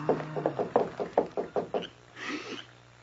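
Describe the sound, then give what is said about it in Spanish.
A quick, steady series of about eight firm knocks on a wooden door, fairly loud, over a low hum, followed by a short muffled rustle. “Ay, llaman a la puerta.”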